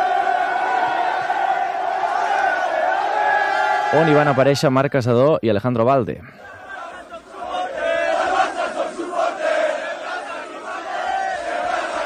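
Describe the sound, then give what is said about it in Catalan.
A large crowd of Barça football fans celebrates a 2-0 win against Madrid in Plaça Catalunya, with a loud burst of rising, chanted cheering midway, while a reporter keeps talking over the steady roar of the crowd. “poc després ja, com que la Font de Canaletes estava en obra, la festa, els aficionats, la van fer a la plaça Catalunya.”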